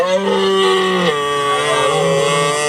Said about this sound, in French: Ça, c'est le Brame du Cerf. Souvenez-vous, l'an dernier, France Télévisions et Eden Productions lançaient une Slow TV, une télévision où l'on ralentit, où l'on prend le temps de contempler plus que de zapper.